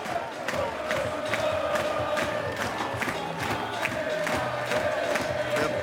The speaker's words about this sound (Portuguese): A cantar, a bater palmas, é o que fazem também os jogadores do Futebol Clube do Porto.